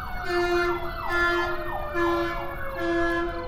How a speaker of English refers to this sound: There's certainly no uniformity in their thought processes as the siren goes by.